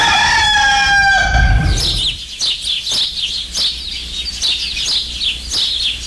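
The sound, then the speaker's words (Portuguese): A rooster crows once, loud, its long call fading out, followed by a steady run of quick, high bird chirps. “O galo já cantou faz tempo, só.”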